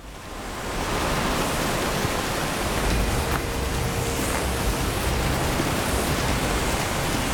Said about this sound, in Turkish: Baksanıza, şelalenin debisi inanılmaz güçlü. Şelaleye tırmanmam mümkün değil.